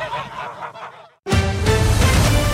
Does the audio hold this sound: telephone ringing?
no